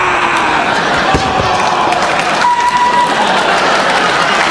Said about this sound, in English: Bye, round of applause.